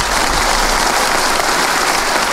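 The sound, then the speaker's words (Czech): An audience claps politely on request, steadily in a dense, even patter of many hands, moderately loud and sustained without cheering or voices. “Teď si zkusíme zdvořilý.”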